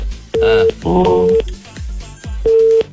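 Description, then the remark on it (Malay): A dropped phone call leaves a steady busy tone pulsing in short beeps, repeating at regular intervals, with some muffled voices and line noise mixed in between the tones. “Oh, terputus. Boleh telefon balik lagi. Terputus tadi.”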